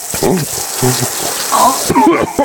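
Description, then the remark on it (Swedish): Water is poured steadily over a towel covering a person's mouth and nose during waterboarding, a continuous splashing rush, while a muffled, strained voice gurgles and groans underneath in short bursts. “Waterboarding, det lät så här. Nu kommer vi över mun och näsa.”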